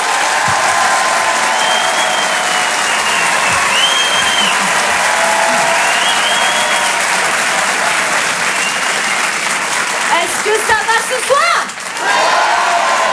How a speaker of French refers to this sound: Tonnerre d'applaudissements, s'il vous plaît, pour Andrew Malouf.